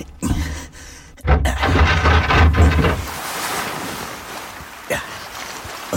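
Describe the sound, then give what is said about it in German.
Ocean waves surge and wash continuously at night, with a heavy low rumble and wind-like noise at first that eases into a softer, steady hiss of surf. No one speaks. “Der Mond spiegelte sich riesengroß und silbern auf den Wellen.”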